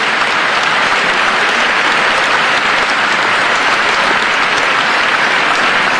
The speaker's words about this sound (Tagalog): Grabing palakpak ni Congressman Joel Villanueva, no?